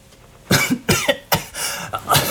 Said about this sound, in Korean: 두 사람이 뒤로 넘어지자 피어오른 먼지 때문에 연신 기침을 하며